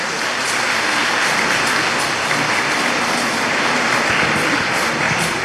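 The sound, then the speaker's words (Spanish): Loud, sustained applause from an audience for God and the Virgin Mary: dense, steady clapping filling the whole stretch at an even level, with no speech over it. “Un aplauso fuerte a Dios, a la Virgen María.”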